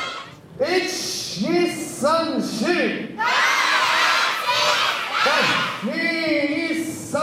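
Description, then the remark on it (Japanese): Elementary school children shout loudly in unison, counting during warm-up exercises at a children's sumo tournament in a gymnasium in Chofu, Japan, rhythmic rising calls repeated in bursts over about seven seconds, with a brighter crowd-like roar of voices in the middle. “準備体操から子どもたちの元気いっぱいな声が響きました。”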